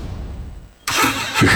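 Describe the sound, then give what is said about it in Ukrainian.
A low engine rumble idles briefly, then a car engine suddenly roars into a loud rev that holds and surges again at the end. No one speaks. “Газуємо!”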